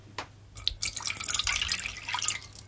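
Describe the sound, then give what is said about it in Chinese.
The rest of the liquid is poured all at once into a pot of sesame powder mixture in one steady stream after a few splashy drips, making a continuous bright, bubbling slosh that holds to the end. No one speaks. “这时候可以一口气把剩下的都倒进去。”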